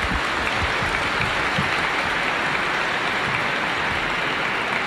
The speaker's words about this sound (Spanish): Agradecemos a nuestros hermanos y le damos un fuerte aplauso a ellos, por favor.